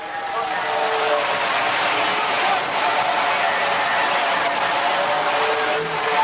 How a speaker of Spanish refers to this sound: Aplauda ahí. Sigue aplaudiendo. Una ovación ahí grande para el grande de los grandes, Jesucristo.